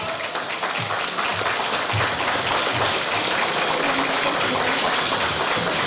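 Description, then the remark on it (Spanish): A crowd breaks into steady, loud applause, many hands clapping in a dense, continuous wash that holds at full strength throughout without fading, welcoming a local deputy as she takes the floor at an event in Guadalupe, Zacatecas. “Fuerte el aplauso, bienvenida.”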